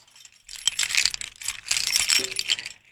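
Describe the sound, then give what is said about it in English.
A bunch of keys jangles and rattles for a few seconds as they are fetched to open a treasure chest, with bright metallic clinks in irregular bursts and no one speaking. “Okay, so let me get my keys.”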